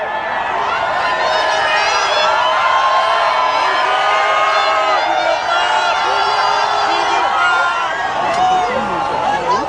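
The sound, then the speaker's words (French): A large crowd cheers and shouts continuously as the Pope passes in the popemobile, greeting the crowd left and right; many overlapping voices rise into high whoops and calls, loud and steady throughout with no pause. “Le pape salue la foule, à droite, à gauche, s'arrête parfois pour bénir un enfant qu'un bénévole lui tend et il passe en quelques secondes.”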